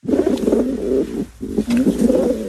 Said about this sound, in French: Parce que vous étiez en train d'observer les pigeons.